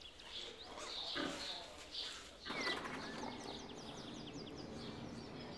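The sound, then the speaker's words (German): A sow named Stine and her eleven piglets grunting and squealing at a newly built outdoor ramp, a steady jumble of low grunts and thin high squeaks over a rustling, noisy background, with no one talking. “Die Außenrampe für Stine und ihre Elf Ferkel ist fertig.”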